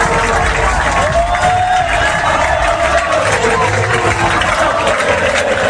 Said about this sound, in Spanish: Aplausos y gritos de olé olé en Wembley